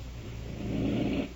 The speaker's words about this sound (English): Is it the forced breathing that's making the noise?